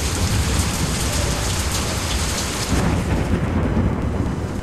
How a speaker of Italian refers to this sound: Piove, senti come piove, Madonna come piove, senti come viene giù.